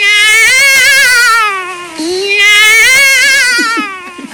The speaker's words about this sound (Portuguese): Acabou se espantando com o grito do gato. Foi, do gato, porque o gato começou... Nhá! Nhá! Vi na porta do meu quarto. Foi oi do gato, que o gato começou.